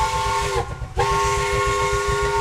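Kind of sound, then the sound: vehicle, steam locomotive whistle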